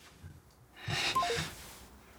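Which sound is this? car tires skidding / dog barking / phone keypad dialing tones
phone keypad dialing tones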